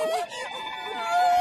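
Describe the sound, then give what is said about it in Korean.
A baby elephant in Africa, frightened by hunters, gives a high, wavering trumpet call for help, loud and sustained for over a second, its pitch sliding up and down in a strained, pleading cry. “이 소리는 도움을 요청하는 코끼리 소리?”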